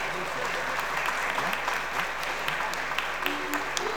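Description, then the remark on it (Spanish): Sustained applause from an audience for a Christian choir, a dense steady patter of many hands clapping at moderate loudness, with faint voices murmuring underneath throughout. “Y quiero pedirle especialmente un fuerte aplauso al coro.”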